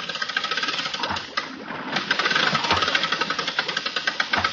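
A boat's winch motor runs loud, a dense mechanical grinding with rapid, rhythmic knocking pulses, briefly easing before surging back stronger and steady, as the winch is sent back down.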